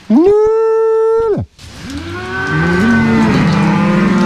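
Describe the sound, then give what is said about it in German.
A loud cow moo on an alpine pasture holds steady for over a second and cuts off, then after a brief pause several overlapping moos from other cattle swell together. “Die Leute wollen das immer noch haben und kommen eben wegen diesen Kühen eben zu mir auf die Alm auch.”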